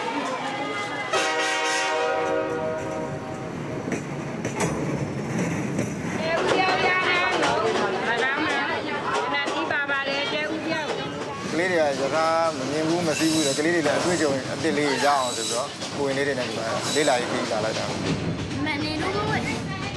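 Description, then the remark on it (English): A train horn blares briefly near the start over a steady rumble of the train moving on its rails as it travels over a narrow, high viaduct, then voices chatter loudly on top of the ongoing rolling noise. “Their first train experience is not just on any train, a ride far better than one found in any theme park.”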